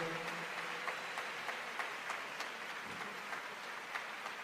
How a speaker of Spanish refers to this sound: Dale ese aplauso al Espíritu Santo.